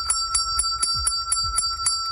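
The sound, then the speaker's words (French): A celebration handbell is rung by hand rapidly and steadily, about nine quick clangs in a row, its bright metallic tone ringing continuously between strikes, loud with no voices. It is rung at a training enterprise when a participant has found a job. “eh bien, lorsqu'il a réussi à intégrer le marché du travail, il arrive dans l'espèce d'entreprise d'entraînement, il prend la cloche et on entend ce son.”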